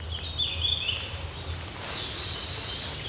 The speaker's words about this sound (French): J'observais les oiseaux de là, ouais. Et ce chant est vraiment... Il est tout discret, tout fin.